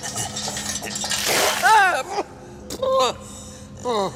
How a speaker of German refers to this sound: Gib der Gefangenen Wasser. Jawohl. Nein, nicht so! Den ganzen Eimer. Ah, wie euer Herrn wünscht.